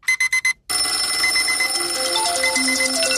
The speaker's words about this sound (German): Und wenn man sich jetzt aber überlegt, dass jeder vom Wecker geweckt wird, oder dann gibt es eigentlich jeden Morgen so eine Art Weckerwelle durch die Schweiz. Zuerst nur wenig und irgendwann alle aufs Mal.